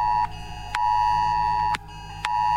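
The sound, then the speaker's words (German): A new smartphone's emergency warning alert blares during an 11 o'clock test warning, a loud, harsh electronic tone held in long pulses broken by brief gaps and clicks, with no talking over it. “Siehst du, neues Handy, jetzt geht die Meldung auch.”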